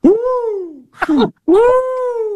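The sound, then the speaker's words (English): A cat lets out two long, drawn-out meows, loud, their pitch rising then sliding down, with a short rougher vocal sound squeezed between them. “Dude, that cat, man.”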